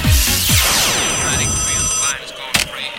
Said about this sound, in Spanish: Mira, llama a WhatsApp a esta hora de la mañana.